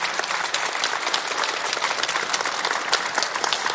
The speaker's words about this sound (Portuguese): Então, eu gostaria que você desse uma salva de palmas para esses jovens.